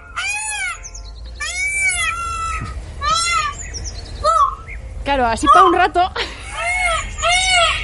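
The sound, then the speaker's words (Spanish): Loud, harsh calls of a somewhat angry peacock ring out again and again, rising and falling wails that sound almost like a cat's meow, while people talk underneath. “Ese es un pavo real un poco enfadado.”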